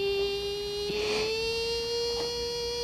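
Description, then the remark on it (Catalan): A steady, unbroken whistling tone like tinnitus rings for about three seconds at an even pitch and loudness, with a brief hiss-like burst about a second in. “El xiulet aquell dins de l'oïda, el pi.”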